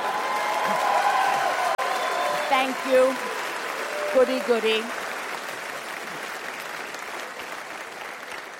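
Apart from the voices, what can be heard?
audience applause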